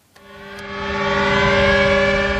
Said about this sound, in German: Mit Sirenen über der Westerplatte erinnert Polen jedes Jahr an den Überfall Deutschlands am 1. September 1939, an den Ausbruch des Zweiten Weltkriegs, so wie heute.